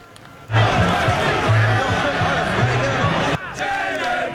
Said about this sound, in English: And the streets of New York erupting after this win by their Knicks. Crowds celebrating well into the night, watching the team battle back from a 16-point deficit to win this Game 5.